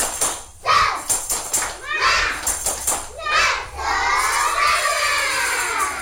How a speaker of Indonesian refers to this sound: Hari ini kita akan belajar sambil bermain, bernyanyi, dan tentunya bersenang-senang bersama. Yuk siapkan senyum manis dan tepuk semangat dulu. Tepuk semangat!